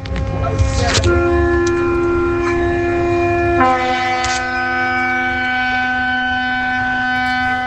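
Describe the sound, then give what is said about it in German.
A ship's horn at a harbour blares in one long, steady, low droning blast that shifts to a slightly different chord partway through, sustained over a constant background rumble with no talking. “Was ist das, ein Hafen? Ist das ein Schiff oder so? Ist das? Das ist ein Schiff? Ja.”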